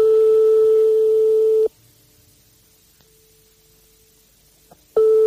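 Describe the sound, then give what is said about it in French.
A telephone ringback tone plays after dialing a private household's number during a radio phone game: one steady, mid-pitched tone lasting about a second and a half, a long silent gap of roughly three seconds, then the tone starting again. “ça sonne dans le vide longtemps et ça peut tomber sur un répondeur”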